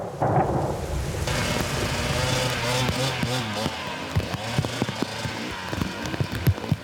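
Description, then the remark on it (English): Heavy rain pours down in a dense, steady hiss that fills the scene as it turns to ice, with a voice talking over it and occasional dull thumps cutting through. “It's just dumping rain and it's ice now.”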